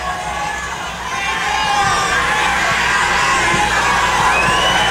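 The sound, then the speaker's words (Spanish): A large crowd shouts and cheers continuously, a dense roar of many voices with whoops rising over it, growing louder after the first second and staying loud throughout. “Aquí está el pueblo, gritando como solo puede gritar el pueblo.”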